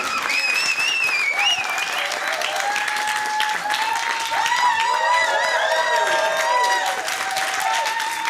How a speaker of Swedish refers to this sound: Yay, yay, yay! Stora varma applåder